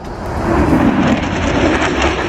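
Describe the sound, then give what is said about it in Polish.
A loud, steady roar of a Polish F-35 fighter jet flying over, a dense rushing rumble that swells slightly and holds for a couple of seconds with no voices. “Ten dźwięk nad Westerplatte usłyszycie około 9:45, potem Warszawa około 10:10 wzdłuż Wisły na wysokości Cytadeli.”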